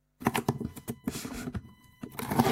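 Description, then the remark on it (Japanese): Yojo (protective curing) tape is pulled off a roll in loud crackling bursts, with a few brief pauses and a longer, rougher stretch of tearing at the end. “これは養生でしょ。 ガムテープ。”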